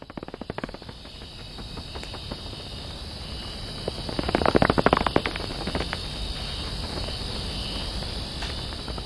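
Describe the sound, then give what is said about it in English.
Cloud forest ambience at Los Cedros, recorded by musician Cosmo Sheldrake: a steady, high-pitched insect drone runs throughout, layered with dense crackling and clicking that swells briefly near the middle before settling back. No one speaks. “I want you all to hear what a rights-bearing, breathing, living cloud forest sounds like.”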